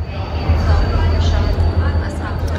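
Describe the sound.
Steady low rumble and broad hiss inside a moving train carriage in Iran, loud and continuous throughout, with indistinct voices faintly audible beneath the noise.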